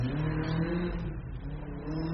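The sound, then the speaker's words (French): A rally car's engine roars loudly, revving hard with a rough, throaty growl that holds steady for a couple of seconds, with no voices. “Un connard avec une voiture rallye.”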